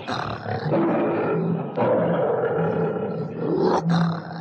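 A lion roars loudly, a deep, rumbling roar that carries on for several seconds with a brief catch partway through and a final swell near the end. No one speaks.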